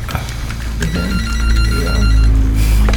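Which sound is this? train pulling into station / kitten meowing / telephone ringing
telephone ringing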